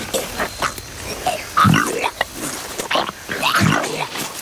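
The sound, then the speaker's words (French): A Komodo dragon, about 3 metres long and over 100 kilos, regurgitates a goat: two heavy, guttural retching heaves with wet gurgling and rasping throat sounds, loud and coarse, separated by a short pause. “Je régurgite la chèvre.”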